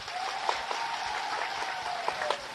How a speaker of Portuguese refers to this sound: Quero pedir uma grande salva de palmas para Salvador.